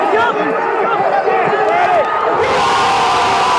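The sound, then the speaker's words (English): A football crowd in the Zócalo cheers after Mexico scores a goal: people with flags shout in a loud, dense roar of many voices yelling at once, with shouts rising and falling, then surging into a fuller, brighter wall of noise partway through. “Again, people stood on tiptoes, they shaded themselves with flags, they shouted, and then went quiet, and then exploded.”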